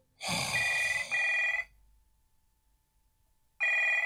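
A mobile phone rings in loud, bright electronic bursts: two back-to-back tones, a short gap of quiet, then the ring starts again, close by with no one talking.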